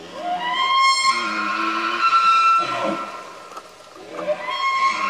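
A high-pitched elk call: a loud, whistling bugle that rises and holds for about two seconds, a short rough grunt, then a second rising whistle begins. No talking.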